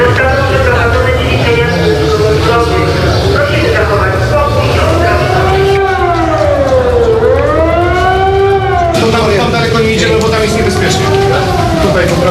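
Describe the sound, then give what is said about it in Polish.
Civil defense sirens wail continuously across the city of Wrocław, Poland, during an evacuation exercise, their pitch slowly rising and falling in long sweeping arcs, loud and steady throughout, with overlapping tones suggesting several sirens sounding across a wide area. “W całym mieście zawyły syreny.”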